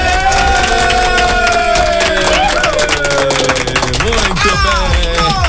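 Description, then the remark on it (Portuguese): A large crowd claps and cheers loudly and continuously, dense rapid applause mixed with shouting voices and rising, wavering whoops throughout, greeting the official presentation of the Arauto FM radio station's 8th anniversary event. “Está oficialmente apresentado o nosso evento, uma salva de palmas.”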